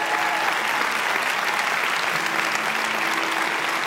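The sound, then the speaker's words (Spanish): A church audience claps steadily for about four seconds, a dense, even wash of many hands applauding at once, loud and sustained with no voices standing out. “Si vas a aplaudir, iglesia, hazlo con más ganas.”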